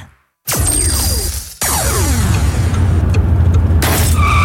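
A stone chip strikes a car windshield twice: two sharp, loud cracks, each followed by a falling, glassy ringing, over the steady low hum of a car driving on the road.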